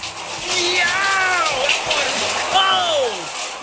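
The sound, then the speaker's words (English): A bidet sprays water in a steady hiss throughout, fairly loud, with a few rising and falling squeaky tones sweeping over it. “A good tip to remember when installing new fixtures in your bathroom is, if you plan on having French people over, they'll need one of those butt fountain thingies.”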